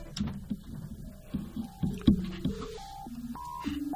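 A run of steady telephone keypad tones steps through changing pitches, each beep lasting a fraction of a second, layered over a busy, clattering background.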